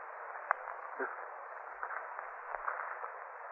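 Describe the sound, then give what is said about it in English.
A steady, muffled hissing with faint rustling crackles scattered through it, moderately quiet and continuous, with no voices, from a snake moving in a corner. “Something moving down here. It's a kind of rustling. Hissing sound. Coming from that corner.”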